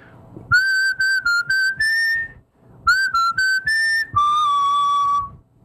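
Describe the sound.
A man whistles his classic tune in two short phrases of clear, steady notes, some clipped and some held, ending on one long sustained tone. The whistling is loud, with no talking.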